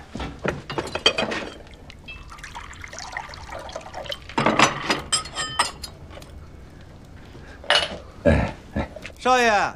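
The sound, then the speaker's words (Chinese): Water splashes and pours into a basin in uneven bursts, with a few metallic clunks of the vessel; a brief voice is heard near the end. “哎，这不在这盆儿， 倒水。”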